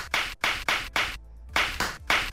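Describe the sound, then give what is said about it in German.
Flip-flops slap in a quick, steady walking rhythm, about seven sharp, loud smacks with a brief pause midway. No voices. “Nein, keine Knallerbsen. Die werden zwar gerade reif, aber es sind Badelatschen.”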